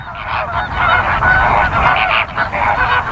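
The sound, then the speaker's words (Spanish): A flock of flamingos honking together, dense overlapping nasal calls forming a steady, loud chorus that barely pauses, with no talking. “Esta correlación entre color y comida es más evidente en uno de los coloristas más icónicos del mundo salvaje, el flamenco.”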